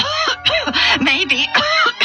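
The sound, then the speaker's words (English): A man gives a loud run of harsh coughs and throat clearing, four or five raspy bursts in quick succession with short gaps between them, and no talking. “I think, he started to say, but then he coughed again.”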